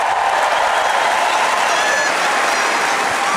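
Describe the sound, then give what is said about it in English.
A large crowd of fans applauds steadily in sweltering heat, a dense, continuous wash of clapping and cheering that holds at a loud, even level throughout without pausing. “Yeah, I mean, and the crowd here just absolutely loved that, even though they were sweltering and who knows what kind of heat out there.”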